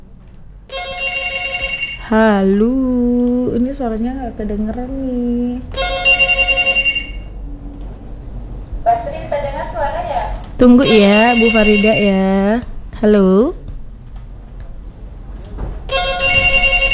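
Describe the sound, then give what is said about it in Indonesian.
A telephone rings on the line in repeated bright, high-pitched bursts about every five seconds, while a voice talks in between and over the rings, during a call with a caller from Palu. “Yang berdering juga.”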